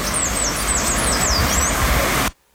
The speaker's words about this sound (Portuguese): Mais pássaros, né? Mais, cara, os pássaros estão felizes hoje, né? Será que isso significa que o tempo vai abrir? Não sei. Eu não entendo nada sobre pássaros, irmão.